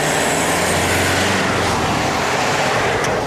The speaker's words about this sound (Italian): Su questi due tratti di strada i ricercatori dell'EMPA hanno installato temporaneamente 16 microfoni per misurare il rumore emesso dai veicoli e poi via uno dopo l'altro.